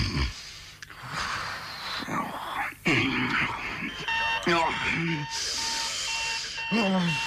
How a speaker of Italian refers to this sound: Ma che cazzo è? Ma che è la sveglia? Ma che ore so? E sei in mezza? Ma affanculo, sveglia de merda!